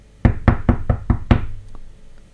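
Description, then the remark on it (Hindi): Six firm knocks on a wooden library door in a quick, even rhythm, loud, with the last knock ringing a little longer before fading into quiet. “वो सीधे उसी लाइब्रेरी में पहुंची और दरवाजा नॉक किया।”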